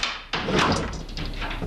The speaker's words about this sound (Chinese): 我开门去了啊。 谁开门的？